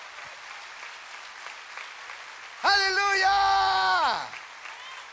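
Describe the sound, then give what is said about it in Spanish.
A church audience claps steadily in a dense, even roar, giving applause to Christ. Partway through, a single voice lets out a loud, drawn-out shout over the applause before fading back. “Vamos, dele fuerte ese aplauso al Cristo de la gloria.”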